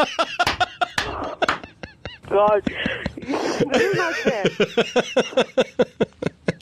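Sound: rooster crowing sound effect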